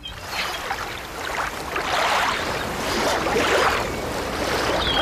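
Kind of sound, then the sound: ambience, beach ambience with waves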